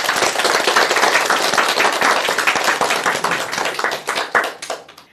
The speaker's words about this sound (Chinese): 祝贺大家， 为自己的进步鼓鼓掌吧。